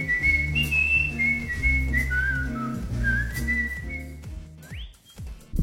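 A person whistles a bright, steady melody of sustained notes over a rhythmic musical backing, ending with a quick rising whistle slide.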